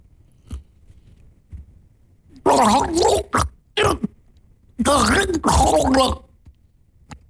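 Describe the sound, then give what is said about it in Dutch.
A voice tries to say a Dutch saying through a mouthful of water, producing garbled, bubbling gargles in two loud bursts separated by short pauses, with a few faint clicks before. “Dus welk gezegde spreek ik vandaag uit met een hap water in mijn mond?”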